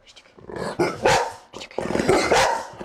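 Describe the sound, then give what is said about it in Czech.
Several dogs bark goodbye in a radio studio in Olomouc, a rapid, overlapping series of loud yaps and woofs, continuing almost without pause for about three seconds, with no one speaking. “Pejskové se loučí.”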